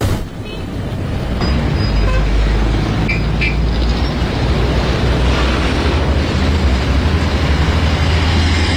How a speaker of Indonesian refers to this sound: Mobil yang lewat gak ada yang mau berhenti. Tempat ini terlalu gelap dan sepi, Bu.